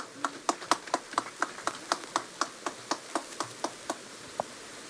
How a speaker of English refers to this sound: Thank you, Honorable Taylor. Can we have another round of applause for Honorable Taylor?